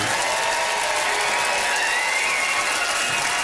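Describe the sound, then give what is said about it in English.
An audience in PEI applauds steadily for a few seconds, voting by applause for comedian Nora Deedy, a dense, even patter of many hands clapping at once with no voices rising above it. “Nice love, some nice organized applause there.”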